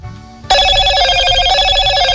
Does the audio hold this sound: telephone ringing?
yes